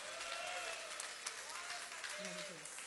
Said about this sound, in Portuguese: Agora que você desocupou as suas mãos, palmas e glória a Deus. Glória a Deus com palmas.